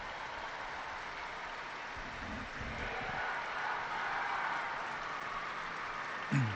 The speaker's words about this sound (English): Big round of applause going up from the pilgrims gathered in St. Peter's Square.